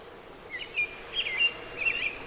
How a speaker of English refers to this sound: And of course, robins are that phrase song, pretty familiar to people. They're probably now setting up territory or already into the process of a second brood.